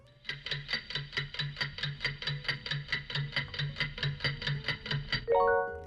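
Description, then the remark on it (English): A steady, fast ticking like a game-show countdown clock, about three ticks per second, clear, counting down three seconds for a listener quiz question and ending in a bright chime or buzzer tone at the finish. No one speaks. “3 seconds on the clock.”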